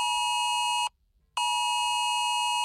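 A harsh, steady electronic alert tone from a smartphone Cell Broadcast emergency warning, which sounds even in silent mode, plays twice: a long blast, a brief silence, then it resumes. Loud and buzzy, with no voices.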